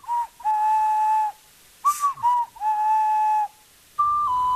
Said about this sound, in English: There's a microphone in the Switch 2, so you can actually hum or sing a little melody to do things on the game's magic kind of flute, the ocarina. Hum a melody you've learned in the game, or play one on a real instrument.